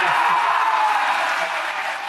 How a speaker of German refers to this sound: Der Jubel war groß gestern. Sieger ist München.